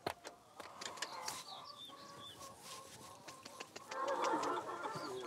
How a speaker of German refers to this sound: Weil ich gestern Abend vergessen habe, die Hühnersicherung auszumachen, tragen wir einmal kurz die Hühner rein, dass wir den Stall dann bewegen können. Einmal pro Woche ziehen die Hühner um.